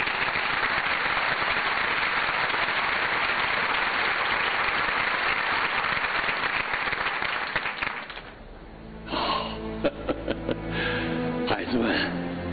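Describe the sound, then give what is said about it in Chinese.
Loud, sustained applause from a crowd welcoming an elderly engineer to speak fills about eight seconds with dense, steady clapping, then fades quickly as a man starts speaking. “那么，就让我们用热烈的掌声欢迎”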